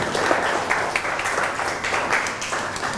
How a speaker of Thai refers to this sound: ปรบมือให้กับเจ้าของสื่อหน่อยนะคะ